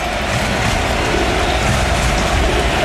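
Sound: stadium crowd cheering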